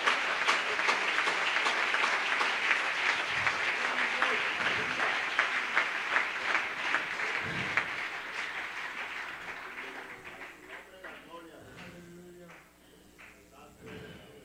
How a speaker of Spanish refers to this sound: Un aplauso para Dios.